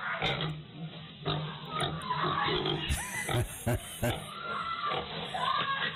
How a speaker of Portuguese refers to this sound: Esse capadão tá gordo. Coloca pra ele se alimentar. É milho.